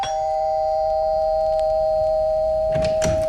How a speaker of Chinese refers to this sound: 送蛋糕的小伙子来到了李济深寓所门口，他按响门铃。